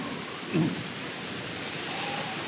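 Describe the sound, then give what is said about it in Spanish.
Steady, dense rainfall pours down in a continuous hiss, with a brief low thump early on; no voices, just the unbroken wash of a heavy downpour. “¡Ay, qué manera de llover!”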